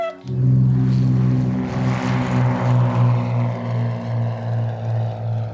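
A small propeller plane's engine drones steadily and loudly, a deep humming tone with a slow, rhythmic throb in its volume, as if heard from inside the cabin during flight.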